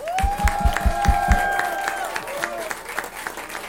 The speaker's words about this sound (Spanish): Un aplauso notable para nuestro director musical